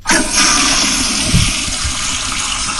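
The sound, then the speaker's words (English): A power flusher toilet at home flushes with a loud, sustained rush of water that starts abruptly and keeps going with gurgling surges underneath, with no voices. “This one's going to require a double flush, even though it's the power flusher, I think.”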